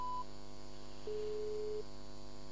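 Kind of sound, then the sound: signal or alarm, dropped phone call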